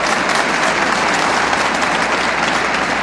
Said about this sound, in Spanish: ¿Quién está de acuerdo conmigo? Que se escuche ese aplauso para la gloria de Dios.